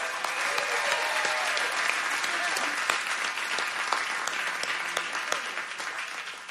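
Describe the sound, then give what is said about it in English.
A concert audience claps for the band steadily in dense, sustained applause with scattered sharper claps standing out, holding an even level throughout before tapering slightly at the very end. “Big round of applause to my band, please.”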